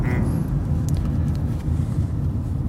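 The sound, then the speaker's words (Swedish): Steady low rumble of a car's interior while driving, a constant dense drone of road and engine noise with no voices, holding evenly throughout. “vi sitter här i bilen i Crash eller Konsensus och diskuterar utmattningssyndrom”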